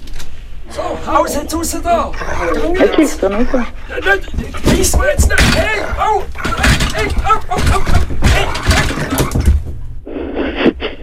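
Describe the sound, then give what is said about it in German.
A wild fox barks and whimpers, its loud yelps and high whines coming in quick, irregular bursts almost without pause, then stopping abruptly near the end. “das ist ein wilder Fuchs, der im Wald gehört”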